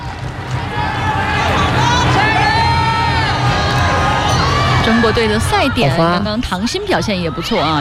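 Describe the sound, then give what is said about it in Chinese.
A large crowd cheers loudly and continuously at a Volleyball Nations League women's match in Nanjing, China against Thailand, in the deciding fifth set with China leading 14-6 at match point; many excited voices blend into a roar, with high-pitched shouts and whoops rising toward the end. “我们看到现场的观众也很兴奋啊。”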